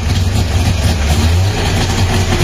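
An FSO Syrena car, a model FSO began producing in 1972, has its engine started despite ignition trouble, then runs with a loud, steady, rough low rumble that holds throughout, with no voices.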